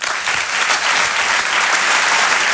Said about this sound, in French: Je vous demande de l'applaudir très chaleureusement lui aussi.